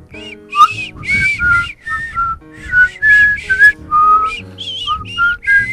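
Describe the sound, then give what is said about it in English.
A person whistles a lively, wandering tune, the notes clear and steady with short breaths between phrases, over some faint low background noise. “Do you want to whistle us out of this segment?”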